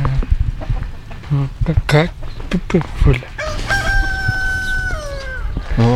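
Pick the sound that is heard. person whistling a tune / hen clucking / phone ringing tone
hen clucking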